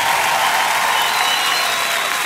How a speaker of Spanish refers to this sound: Ese aplauso es para el Señor en esta noche. Dáselo fuerte.